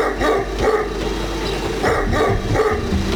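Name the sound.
dogs barking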